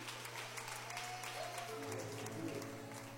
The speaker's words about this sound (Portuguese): Palmas bem forte para Jesus.